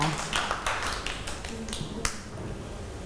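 Children clap their hands in a loose, uneven patter of sharp claps that thins out after a couple of seconds, ending with one last crisp clap over a low background murmur.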